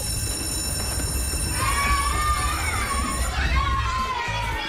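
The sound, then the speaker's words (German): A school bell rings steadily for a moment, the first bell on the first day of school, then a crowd of children erupts in loud, excited cheering and shouting that carries on to the end. “Ja, nach der ersten Klingel, da jubelt man noch.”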